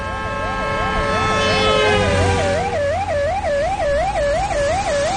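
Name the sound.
police car siren passing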